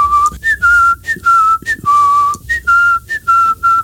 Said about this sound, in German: Ja, und zwar hatte ich meinen enormen Ohrwurm und habe den ganzen Tag dasselbe Lied gepfiffen. Und zwar...